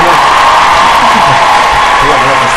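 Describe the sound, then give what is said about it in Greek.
A dense, steady wash of crowd applause and cheering fills the whole clip, loud and unbroken, with scattered whoops and shouts rising out of the clapping. “Θέλω να έχεις έτοιμα τα χειροκροτήματα τώρα.”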